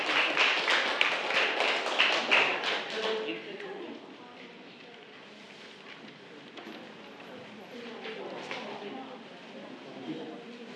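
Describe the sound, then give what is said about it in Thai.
A burst of group applause from a class of students for group 1 before its mind-map presentation, dense and fairly loud for about three seconds, then fading into quieter scattered claps and murmuring voices. “เรามาเริ่มกันที่กลุ่มที่1ได้เลยค่ะขอเสียงปรบมือให้กับกลุ่มที่1ด้วยค่ะ”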